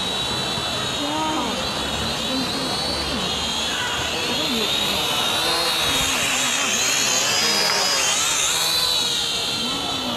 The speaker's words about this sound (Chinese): 看，无人机来了！哇！